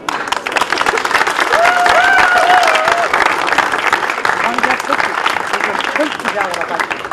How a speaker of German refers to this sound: Und nochmal für Sie einen herzlichen Applaus.